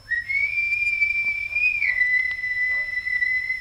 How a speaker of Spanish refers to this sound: oí a lo lejos el famoso silbido.